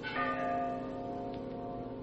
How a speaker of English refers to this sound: you hear that? Ah, Bell. I think it comes from way down there in the gorge.